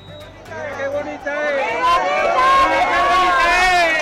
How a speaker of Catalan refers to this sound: Aquests eren els crits que feien quan incendiaven part d'aquests elements improvisats d'aquest campament